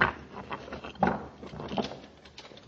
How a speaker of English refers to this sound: Commander, I think he's going to open the door.